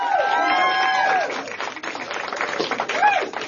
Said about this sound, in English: Let's give a round of applause to our state party chair and the next mayor of North Las Vegas, Danielle Monroe Moreno.